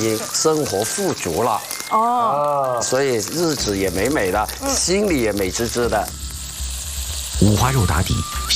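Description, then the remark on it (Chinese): Pork belly sizzles in a clay pot with shrimp oil, slowly rendering out its fat at a lower heat than an iron griddle, with a steady crackle and hiss, partly covered by voices talking over it, then briefly heard more clearly near the end. “像烤肉，但是它跟烤肉不一样，因为经过这个砂锅呢，温度是没有铁板这么高的，让它慢慢的逼一些花肉的脂肪出来，听到那声音没有？”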